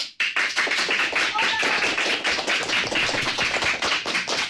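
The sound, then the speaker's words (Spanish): A group of fourth-, fifth- and sixth-year pupils from CEIP Córdoba Ollosa in Ponte Calderas applaud in the José Hermida studio of Radio Pontevedra to greet listeners. A dense, steady burst of many hands clapping at once holds at an even, lively level for several seconds. “Chicos, un aplauso para saludar y decir de alguna manera que estáis aquí.”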